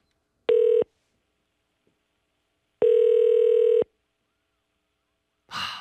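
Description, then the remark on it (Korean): A telephone line tone while a call is placed to a listener: a short steady beep, a pause, then a longer beep, clear, followed by a brief breathy rustle at the end. “5개 가져갈 주인공 누군가요? 전화 갑니다.”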